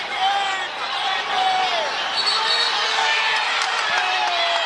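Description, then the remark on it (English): A large arena crowd at a Valkyries basketball game shouts continuously for a delay of game, a dense, steady roar of many overlapping voices with a few brief sharp knocks cutting through. “Everyone in the building is shouting, delay a game right now.”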